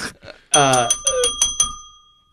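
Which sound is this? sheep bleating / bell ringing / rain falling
bell ringing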